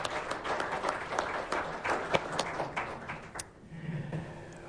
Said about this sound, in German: Herzlichen Applaus für Meta Schamal.